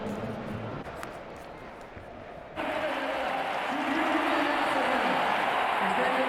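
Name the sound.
stadium crowd ovation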